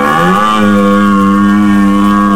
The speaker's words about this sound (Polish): Tymczasem w Beskidach trwa rykowisko jeleni. To szczególny czas, zwłaszcza na przełomie września i października, kiedy górskie lasy wypełniają się charakterystycznymi odgłosami.